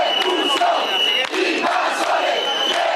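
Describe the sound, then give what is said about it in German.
An angry crowd of demonstrators shouting "Deport the invaders" as they try to block a Red Cross vehicle carrying water and food at the entrance to a beach, in a dense, continuous roar of raised voices, with sharper yells breaking out now and then; loud throughout with no pauses. “Schiebt die Invasoren ab, rufen die Demonstranten, versuchen einen Wagen des Roten Kreuzes mit Wasser und Lebensmitteln an der Einfahrt Richtung Strand zu hindern.”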